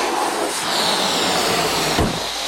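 A loud, steady hiss of air rushing out of a blown-up balloon released in a balloon race fills the whole moment, broad and breathy, with a short thump near the end.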